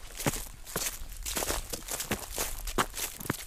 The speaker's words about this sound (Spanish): Y tras la cima, bajo rápido por estos robledales y pisando ya las hojas que el otoño va dejando en el suelo.